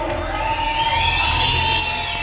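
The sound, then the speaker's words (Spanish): A religious audience whistles and cheers loudly in honor of God, with several sustained shrill whistles ringing over a dense wash of voices and noise that holds steady for the whole moment. “Él se merece que usted le dé un silbido.”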